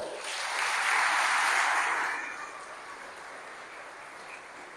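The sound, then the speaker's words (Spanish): An audience bursts into applause for people from Seattle, Washington, who stand up: a dense wash of clapping that swells loudest in the first two seconds, then eases into steadier, softer clapping that carries on to the end. “A ver, pónganse de pie, Seattle, Washington. Un aplauso.”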